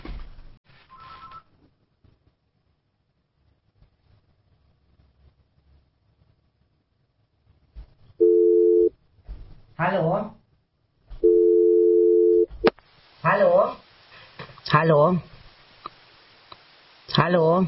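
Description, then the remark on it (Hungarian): Two steady electronic telephone ring bursts, about a second and a half each, heard through a phone line during the Bioron Sugar Daddy broadcast, with no caller speaking, and a man's voice speaking briefly between and after them. “Még egyszer csörög, akkor se szól.”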